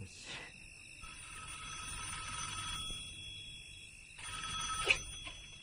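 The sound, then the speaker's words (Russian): A telephone rings during a call placed from a coin-operated payphone, a steady, bell-like trill lasting several seconds, then a brief pause, then a second ring starting near the end. There is no talking, just the moderately loud ringing. “Кстати, вот тебе монетка, позвони из телефона.”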